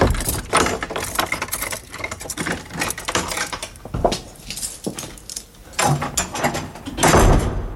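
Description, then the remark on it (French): Keys jangle and clink as a door lock rattles and the door is pushed open, a busy run of metallic clatters and mechanical knocks with no one speaking. “Ça donne drôlement envie d'aller dans le domaine de Georges Sand à Nohant, d'ouvrir les portes de la maison.”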